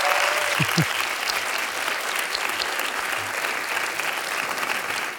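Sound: audience applauding loudly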